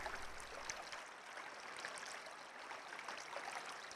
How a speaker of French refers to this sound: Mais le chant de la rivière ne s'arrête jamais. Il est si fort qu'aucun d'eux ne parvient à s'endormir.